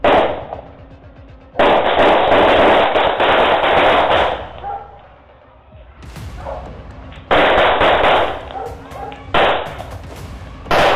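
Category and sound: impact, gunshots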